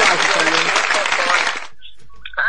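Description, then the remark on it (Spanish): Applause for a listener who sent greetings, a dense burst of clapping, steady and loud for about a second and a half, then cuts off abruptly into near-silence with a few faint tonal blips. “Aplausos también para él.”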